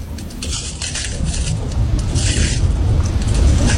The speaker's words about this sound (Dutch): Waar lopen we overheen? We lopen over een oude lavastroom. Die is al hard geworden en als we er overheen lopen, dan breekt die af. En dat geeft een knisperend geluid, het afbreken van die lava. Het klinkt een beetje als het breken van glas.